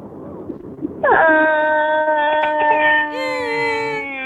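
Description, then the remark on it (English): A person's voice imitates a hungry baby crying: after a brief quiet moment, one long, loud, strained wail rises and holds steady, then shifts into a shriller, higher cry near the end. “I want you to make a sound of a crying baby for me.”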